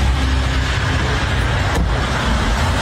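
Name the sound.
road traffic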